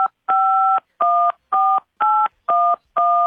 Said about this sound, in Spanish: Muy bien, ya escuchamos que marcaste.